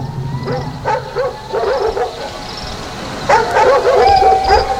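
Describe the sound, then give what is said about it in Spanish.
Several dogs bark and yip in quick bursts, one group early and a louder flurry near the end, over a low background rumble with no talking. “A la séptima noche, en cuanto oyó los ladridos, salió de su casa.”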